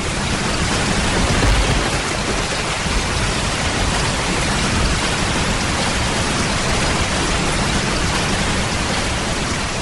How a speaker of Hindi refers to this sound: वही आषाढ़ का दिन है, उसी तरह मेघ गरज रहे हैं, वैसी ही वर्षा हो रही है